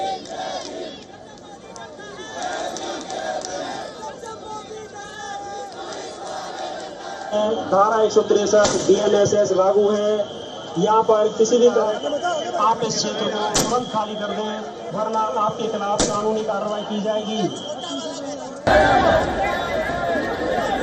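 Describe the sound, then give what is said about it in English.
A dense protest crowd shouts and chants in a tense scuffle as protesters push against police barricades outside the Sansad Marg police station, voices overlapping loudly throughout, with occasional sharp knocks and metallic bangs of the barricades being shoved. “security forces stopped the procession outside the Sansad Marg police station, where tensions escalated as protesters pushed against police barricades.”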